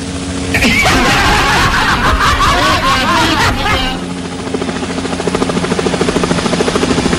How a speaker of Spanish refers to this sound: Nos vamos sobrevolando los cielos de la provincia de Limarí con este helicóptero